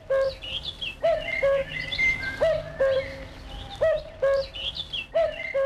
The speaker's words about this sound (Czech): Takže 3, 2, 1, kukačka. Výborně. Kukačku jsem uhádla.